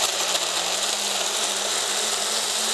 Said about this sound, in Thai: เราควรจะใช้เครื่องปั่นที่ค่อนข้างจะมีประสิทธิภาพนิดนึงนะคะค่อนข้างจะมีความเร็วสูงนิดนึงนะคะเพราะว่าเราต้องการปั่นให้เนื้อผลไม้ทุกอย่างเนี่ยรวมเป็นเนื้อเดียวกันละเอียดนะคะเราจะปั่นไปเลยนะคะ